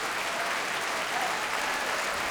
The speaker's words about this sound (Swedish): En publik som jag tror har längtat efter att få ställa sig upp och skrika och applådera i nästan en och en halv timme. Stämningen är helt fantastisk här i Bävalhallen i Stockholm.